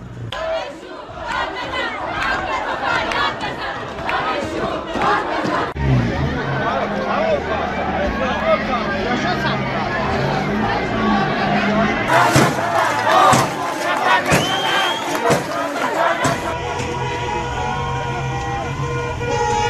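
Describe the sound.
A dense protest crowd in Zanjan province shouts and chants continuously during a crackdown on protests, voices overlapping in a loud, sustained roar, with vehicle horns tooting and engine noise mixed in, and sharp bursts of louder yelling toward the end.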